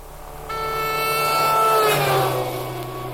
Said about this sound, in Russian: Утром всех разбудил шум мотора. Мимо березы ехал автомобиль.